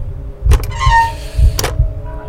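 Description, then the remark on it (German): An old iron door handle is worked with a couple of clunks, followed by a thin, wavering rusty squeak, then more clunks as the latch moves. Fairly loud, with no voices. “Das rostige Quietschen erschien mir lauter zu sein als das Pulsieren meines Blutes, das mir durch die Ohren rauschte.”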